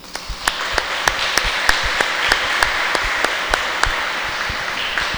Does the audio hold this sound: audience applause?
yes